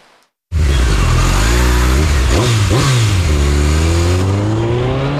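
A motorcycle engine roars in loudly after a brief pause, revving up and down in quick surges before settling into a steady, strong acceleration, with no voices.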